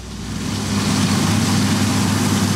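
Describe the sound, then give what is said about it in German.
Combine harvesters and tractors run during the grain harvest in Austria, working over dry soil in dusty air during a drought. A heavy engine runs steadily with a deep, continuous rumble and a broad noisy hiss over it. No voices. “Die Mähdrescher und Traktoren haben sich schon über trockenen Boden und durch staubige Luft gearbeitet.”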